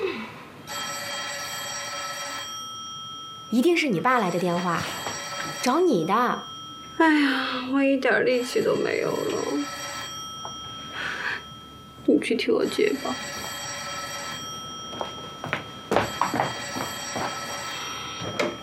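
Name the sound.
telephone bell ringing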